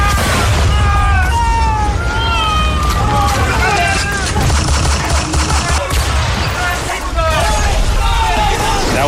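Dense, continuous battle din: heavy cannon booms from the Huáscar, commanded by Admiral Miguel Grau, bombarding the wooden ship Esmeralda, and bursts of gunfire rumble together while many men shout and cry out over the top, everything loud.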